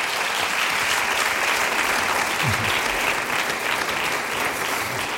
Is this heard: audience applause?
yes